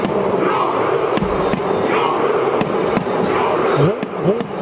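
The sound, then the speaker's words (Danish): A large World Cup stadium crowd in the USA roars continuously while sharp, unified shouts and claps punch through at intervals. The crowd and the Norwegian national team perform a rhythmic viking-style chant with rowing motions, echoing across the stadium. “Bliver der råbt, når publikum sammen med landsholdet på stadion i USA laver robevægelser og leger vikinger.”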